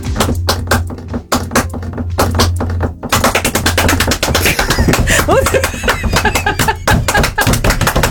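Hands clap out a song's rhythm in a sharp, steady pattern, sparse at first, then quickening into a dense, busy stream of loud claps with a faint low hum beneath.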